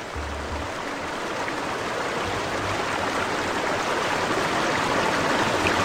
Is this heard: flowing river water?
yes